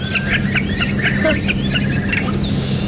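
A starling chatters and squawks, mimicking a curlew call and crow sounds among copies of other birds, with rapid, scratchy notes, fairly loud over a steady low background hum.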